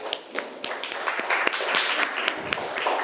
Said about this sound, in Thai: ขอเสียงปรบมือให้ตัวแทนจากกลุ่มที่5หน่อยค่ะ